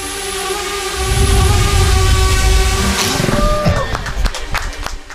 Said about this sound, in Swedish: Så här låter det när det finsk-amerikanska startup-företaget Thordynamics skjuter ner en drönare med ett laservapen. Det är som taget ur Star Wars, och det är det egentligen också.